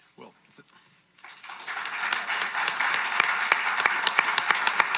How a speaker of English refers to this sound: To be clear, I was clapping for the Premier there.